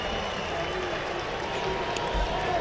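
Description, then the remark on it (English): A steady, dense roar of fans cheering and screaming after Alex Call's home run, his first of the year, against the Minnesota Twins, holding at an even loudness with no clear pauses or distinct voices standing out. “We can hear him screaming, and that might just be his family.”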